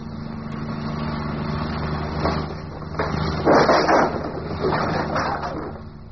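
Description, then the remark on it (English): A car engine hums steadily as the car is driven on over the last miles, its low drone running throughout, with a few louder rough bursts of revving or strain layered over it near the middle. “Oh, come on, car. Come on. Don't let me down now.”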